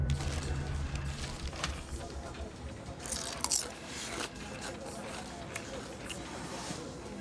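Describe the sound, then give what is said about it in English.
Someone in an office munches on crunchy snacks, with irregular crisp bites and crackles and a louder burst of crunching midway, over a steady low background hum. “I can hear you munching these from the other side of the office.”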